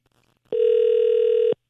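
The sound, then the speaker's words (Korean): A steady electronic telephone tone sounds once, lasting about a second at an even, fairly loud level, the ringback heard while a call placed to a listener's ordinary landline goes unanswered. No voices accompany it. “3714번님. 3714번님. 신호가요.”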